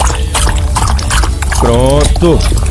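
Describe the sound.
Water pours in a steady, splashy stream for a dog named Dorli to drink, with a brief voiced sound breaking in near the end.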